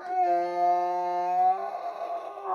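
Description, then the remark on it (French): A donkey named Balthazar brays in the morning: one long, steady, strongly pitched tone that shifts abruptly into a rougher, breathy, noisy stretch, fairly loud and alone, with no one speaking. “Longtemps, c'était un son qui m'a intéressé, que j'ai enregistré dans plusieurs voyages aussi, parce que c'est toujours assez compliqué de savoir à quel moment va braire l'âne.”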